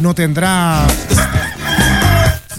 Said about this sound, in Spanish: Ah, encima de este gallo tan temprano que empieza a meter ruido, oiga.